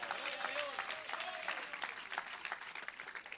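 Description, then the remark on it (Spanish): Audience applause fills the whole clip, a dense steady patter of many hands clapping at once, fairly loud and continuous, with faint voices rising through it. The applause is given as a loud round for God. “Denle un fuerte aplauso si es para Él.”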